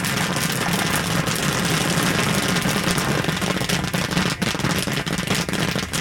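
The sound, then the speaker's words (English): Kettle corn of oil, corn and sugar cooking in a big kettle at a festival in Chagrin Falls: a dense, continuous crackle of popping kernels over a steady low roar, holding at an even loudness throughout with no talking. “Firing up the kettle at a festival in Chagrin Falls.”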